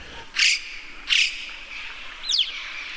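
Two short, breathy hissing bursts come first, then a quick swooping whistle from a corvid up in the rocks, with a faint ambient hush between the calls and no voices.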